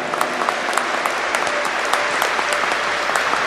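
A crowd claps steadily at a Canção Nova celebration, welcoming the mission groups from Caruaru, Bezerros, Surubim and João Pessoa, Paraíba. Many hands produce a dense, continuous patter of bright slaps with no pauses, fairly loud throughout, with no voices.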